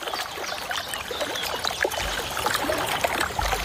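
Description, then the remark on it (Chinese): A group of young blue tits bathe together, splashing and fluttering in shallow water, a steady patter of quick, light splashes and drips that goes on throughout with no voices. “水花飞溅的声音唤醒了小山雀那颗好奇的心，一群年轻的蓝山雀正在一起享受沐浴。”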